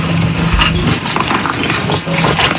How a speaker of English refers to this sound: The sound of search teams working from Virginia's Task Force 1 combing through the rubble, using specially trained dogs to locate survivors.